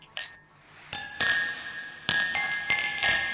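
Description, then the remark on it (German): Glasses clink together several times in quick succession in a toast. Bright ringing chimes linger and overlap. It is fairly loud, with no talking over them. “Prost, Baby. Prost. Prost.”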